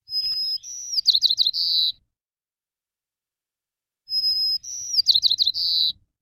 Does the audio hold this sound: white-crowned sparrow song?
yes